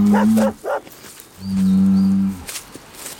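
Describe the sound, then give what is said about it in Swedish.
A bull moos loudly in two long, low, droning calls, the second stretching out for about a second, followed by quieter rustling. “Bakom muren står en tjur.”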